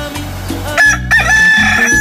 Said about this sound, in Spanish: ¡Qué bonito canta mi gallo! ¿A poco no? ¡Canta precioso! Y para que se motive muchísimo más, así le canta. Más.